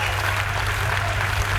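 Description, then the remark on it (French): A concert audience claps after a live performance by a musician at the Spring Festival 82, a dense, continuous wash of applause, moderately loud and sustained throughout, with a low steady hum beneath it and no clear voices. “Avec les applaudissements, c'est encore mieux, hein, c'est terrible.”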